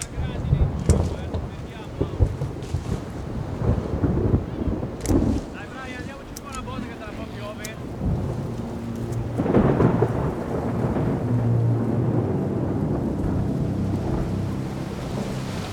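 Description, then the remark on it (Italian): A thunderstorm with deep, rolling thunder that rumbles continuously and swells louder midway, with rain and gusting wind noise hissing over the top throughout. “Le viti amano il clima mediterraneo, ma temono le tempeste di settembre.”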